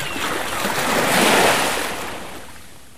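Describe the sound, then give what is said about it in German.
Ocean surf of the North Sea rolls in as a broad wash of noise, swelling to a peak around the middle and then receding. A single steady wave with no voices. “Jetzt direkt von der Nordsee.”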